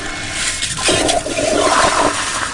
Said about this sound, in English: The toilets flush using motion sensor technology as well.